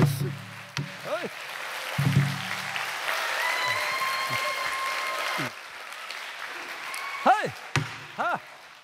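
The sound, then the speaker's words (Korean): An audience at a Korean traditional sori singing performance applauds steadily for several seconds, a dense wash of clapping that carries on under brief arching voice-like sounds and a few sharp knocks before easing off. “그러면은 쭉 이어서 해보도록 박수를 하겠습니다. 많이 쳐야 사설이 잘 들어옵니다.”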